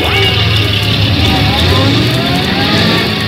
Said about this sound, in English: First, the hose truck moves out. There goes the hook and ladder.